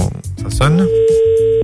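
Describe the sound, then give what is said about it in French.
A telephone ringback tone on an outgoing call placed live on a radio show to a listener for a birthday surprise, a steady electronic hum heard through the line, following a brief burst of voice at the start. “Ça sonne encore là.”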